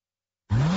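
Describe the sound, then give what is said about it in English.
After a brief silence, NASCAR stock car engines abruptly roar loud, their pitch climbing steadily as the cars roll off pit road behind a Toyota Camry pace car at Sonoma Raceway before the opening lap. No one speaks. “Cars are rolling off a pit road behind a Toyota Camry XSC Pace car as we get the opening lap set and get ready to take the green flag here at Sonoma Raceway.”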